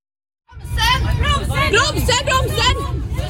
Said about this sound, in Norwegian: De andre passasjerene roper desperat. Men de to som har tatt over rattet når ikke bremsene.